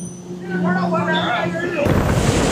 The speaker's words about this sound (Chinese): 七月，辽东湾，渔民启动渔船，点着祈福的鞭炮，震耳的声响显得码头更加热闹。